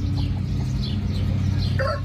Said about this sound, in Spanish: Sí, decir eso, más bien suenan, pues, suenan como pollitos madrugadores, Fronay, y escuchamos a los gallitos.